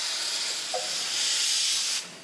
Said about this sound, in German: Die Abfahrt einer Dampflok ist in Japan durchaus ein Spektakel.